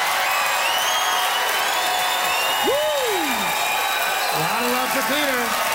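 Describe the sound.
A live audience claps steadily, voting by applause for the argument that Saskatoon should be made the capital city, a dense roar of applause mixed with crowd noise, while a few voices let out rising and falling whoops and cheers over the top.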